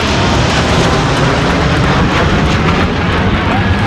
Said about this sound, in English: Before the race, military bands lined the streets, and military planes thundered overhead.